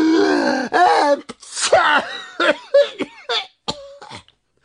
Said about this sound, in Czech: Jakmile je totiž ten prach zašimral v nose, oba bráškové naráz kýchli.